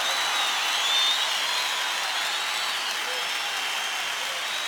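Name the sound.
audience applauding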